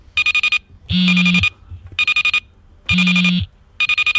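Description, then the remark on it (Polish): A wristwatch alarm goes off, alternating quick bursts of high electronic beeps with a low droning buzz of vibration, repeating in a steady cycle with no one speaking. “To jest alarm wibracyjny i alarm dźwiękowy.”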